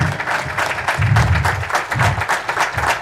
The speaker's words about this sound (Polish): Proszę nie kończyć, bić brawa dla dyrektora pieszej pielgrzymki tarnowskiej. Brawa dla niego.